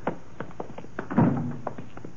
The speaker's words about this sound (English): Footsteps sound kind of loud this time of night.